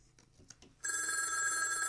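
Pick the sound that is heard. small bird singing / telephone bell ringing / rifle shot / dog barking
telephone bell ringing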